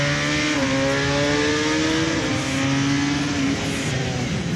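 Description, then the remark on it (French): A motorcycle engine roars as it accelerates out of a corner past the apex, its pitch climbing and then dropping with each gear change. The loud, steady revving fills the whole clip, and no one speaks. “Point de corde, hop, accélération.”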